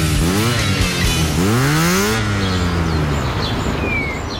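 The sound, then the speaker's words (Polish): A motorcycle engine revs loudly, a quick throttle blip followed by a longer, higher rising rev, then drops back to a steady rumble as it settles down. “Honda D&D, autoryzowany salon i serwis motocykli.”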